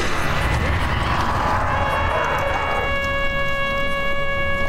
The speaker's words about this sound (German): Ich sah Jonathan sein Pferd anspornen. Wie ein Pfeil flog er den Hang hinab.